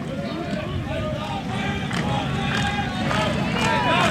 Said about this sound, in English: Georgia fans clapping, making some noise here, hoping to get through this seventh.